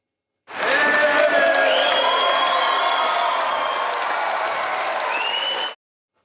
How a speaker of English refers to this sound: But when Pauline Hanson showed up, the crowd went nuts. She's a superstar, at least on the right.